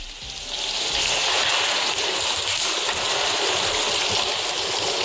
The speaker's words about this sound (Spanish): La lluvia irá hoy a menos, después de un miércoles de fuertes precipitaciones con acumulaciones de 59 litros por metro cuadrado en Gijón y vecinos achicando agua.